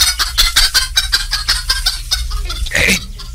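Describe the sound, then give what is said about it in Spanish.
A hen with chicks on a hillside clucks in a quick, steady run of short notes, fairly loud, with thin high chick peeps mixed in and a longer squawk near the end. “¿Qué es esto? Una gallina con pollos aquí en el cerro.”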